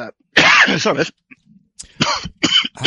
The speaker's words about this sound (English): I'm going to cough again soon